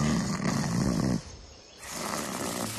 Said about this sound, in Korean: 오! 큰 고양이 과인데? 그럼 호랑이나 표범 같은 거.